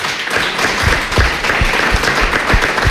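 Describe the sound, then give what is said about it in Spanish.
A crowd applauds steadily and loudly for about three seconds, a dense wash of many hands clapping at once, with a few heavier low thumps scattered through it. “Aplauso”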